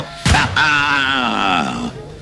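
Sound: pistol gunshot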